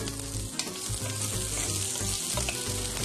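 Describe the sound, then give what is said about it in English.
Onions sizzle steadily in hot olive oil, a dense, continuous crackling hiss with a low rumbling undertone and no voices over it. “우리 양파 넣는 거예요. 오, 소리 좋아요. Can you hear the sizzle sizzle?”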